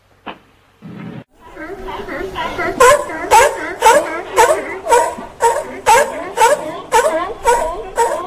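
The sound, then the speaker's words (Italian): A seal barks loudly, a steady run of about a dozen hoarse, honking calls at a quick, regular pace after a brief lower grunt at the start. “Anche le foche bevono Radio Wombat.”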